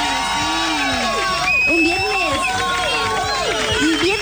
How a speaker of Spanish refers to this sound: Hoy es viernes, un aplauso, doble aplauso porque es viernes, che.